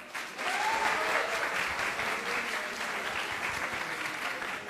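Sustained audience applause, a dense crackle of many hands clapping at steady loudness for several seconds, with a faint voice briefly audible underneath.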